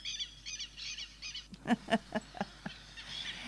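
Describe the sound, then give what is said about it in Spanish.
Two southern lapwings (teros) calling like an alarm: a run of sharp, high, rapid notes in quick bursts, followed by louder, harsher repeated cries that carry down lower, about five strong pulses before fading. “Con dos teritos pasa esto.”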